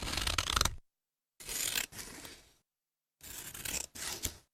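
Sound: scissors cutting paper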